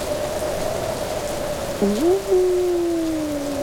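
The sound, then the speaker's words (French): Strong wind howls during a rainstorm, blowing harder and harder, with a steady whistling tone that dips and then slides lower midway, over a constant hiss of heavy rain. No one speaks. “Le vent se lève.”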